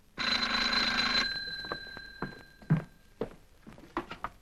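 An old-style telephone bell rings loudly in one sustained burst of about a second, its metallic tone lingering as a few soft thumps and footsteps follow.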